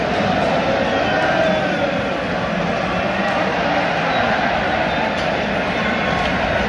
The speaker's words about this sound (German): Weil im zweiten Drittel nach dem 2:0 für Kanada auf dem Feld gerade nicht so Spektakel gezeigt wird, beschäftigt sich das Publikum mit der Welle.